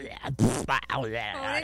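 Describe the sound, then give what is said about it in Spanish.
A voice imitates the rumbling, gurgling stomach of a mother's digestive system as a baby hears it, with a quick burst of throaty, bubbling noises, then a wavering, groaning tone, fairly loud, lasting under two seconds. “¡Qué rugidero de tripas!”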